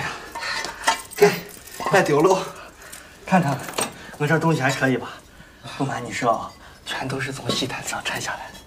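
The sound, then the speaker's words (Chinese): The many keys and metal locks of a single-storey house jangle and clink repeatedly, a busy rattling that comes and goes in bursts while voices talk over it. “恁家咋镇着锁呀？”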